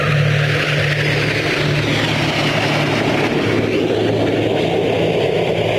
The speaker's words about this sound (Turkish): Kullandığı F-5 savaş uçaklarıyla gerçekleştirdiği senkronize manevralar, şu anda yaptıkları senkronize manevra ve yüksek hassasiyet gerektiren gösterileriyle dünyanın sayılı akrobasi ekipleri arasında gösteriliyor.